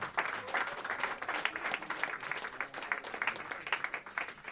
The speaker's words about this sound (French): Je pense que vous pouvez l'applaudir parce que c'est enfin, super.